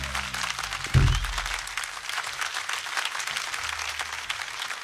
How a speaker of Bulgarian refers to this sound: Моля вашите силни аплодисменти за Стив Хамилтън, пиано и кейборди.